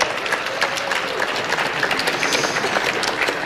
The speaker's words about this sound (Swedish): Är inte det värt en applåd?